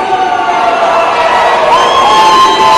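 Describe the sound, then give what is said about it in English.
A dense crowd at the State House in Nashville shouts and jeers continuously, many voices overlapping at a steady, loud level with occasional higher yells rising above the din. “And they're all jeering, and they're ignorant.”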